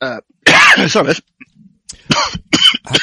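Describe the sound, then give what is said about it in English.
A run of harsh coughs and throat clearing, several bursts in quick succession with short pauses between them, loud and rasping. “I'm going to cough again soon”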